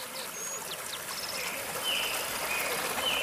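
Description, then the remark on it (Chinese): A steady rush of flowing stream water on Mount Emei, China, at about 1,800 m altitude, fills the scene with an even hiss, while a few faint, thin bird chirps sound high above it. “这节呢就海拔大概就是1800左右，现在呢这个地方因为是流水，枫斑灵蛙还不会在这种地方，如果有个死水坑，像这种死水坑它就特别喜欢在里面产卵。”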